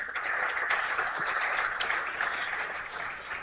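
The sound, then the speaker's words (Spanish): A crowd applauds the Lord, clapping steadily for several seconds, a dense, sustained wash of applause at an even level with no voices standing out. “Aplauso al Señor si se lo va a dar.”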